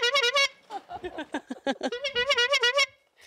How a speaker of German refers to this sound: Hör bitte noch mal deine Hupe vor